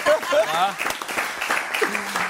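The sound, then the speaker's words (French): A studio audience at a Couleur 3 radio show applauds a guest in a steady, dense wash of claps while a voice talks over it, clear above the crowd. “mesdames et messieurs, qu'on peut applaudir, qui est parmi nous.”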